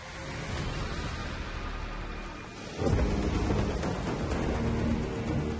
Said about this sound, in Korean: 카트마이의 10월은 폭풍으로 시작됩니다. 무시무시한 폭풍이 강타했죠. 대자연이 힘을 뽐내면 선수들은 고달파집니다. 차가운 빗방울과 강풍이 해안에 휘몰아치죠.